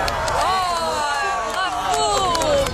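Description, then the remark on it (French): A large crowd in France cheers and applauds the 1999 total solar eclipse, loudly and steadily, with overlapping shouts and rising whoops over scattered clapping, a dense, continuous roar of many voices throughout. “Oui, on peut applaudir une éclipse.”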